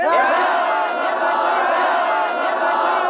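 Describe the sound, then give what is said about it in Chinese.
A crowd of workers celebrating with drinking at a production site, shouting and cheering together, a loud, continuous roar of overlapping voices with no pauses. “啊，生产现场，在这儿大喊大叫、大吃大喝的啊，成何体统？”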